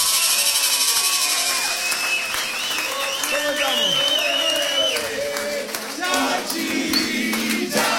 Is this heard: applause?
yes